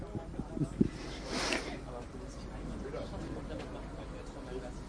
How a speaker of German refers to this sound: Genau, diese Rassel.